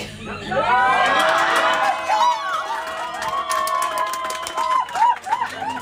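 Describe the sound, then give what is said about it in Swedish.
A crowd at the Liberals' (Liberalerna) election night party in Kungsbacka, Halland, on a Sunday evening cheers and shouts continuously, with high whoops and excited voices overlapping in a loud, sustained roar that swells and dips over several seconds, a few sharper yells near the end. “Så här lät det alldeles nyss på Liberalernas valvaka i Kungsbacka.”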